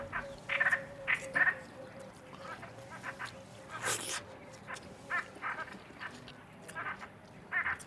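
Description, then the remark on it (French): Ducks eating maize seeds in a field of cassava and maize quack in short, scattered bursts, with a brief rough burst of noise partway through and a low steady background hum. “Les canards mangent des graines de maïs.”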